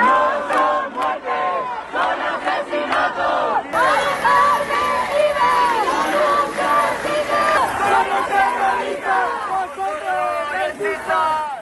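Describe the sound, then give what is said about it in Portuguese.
Hundreds of protesters in front of the Congress of Deputies in Madrid shout and chant in unison after the death of an elderly woman, Mari Carmen, calling that she did not die but was murdered: loud overlapping voices rising and falling in rhythmic bursts, with a sustained roar of many voices throughout. “Os manifestantes gritaram que Mari Carmen não morreu, foi assassinada.”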